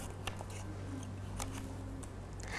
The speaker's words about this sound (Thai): เด็กๆนะคะสามารถใช้กรรไกรค่ะตัดกระดาษสีออกเป็นเส้นตรงเล็กๆก่อน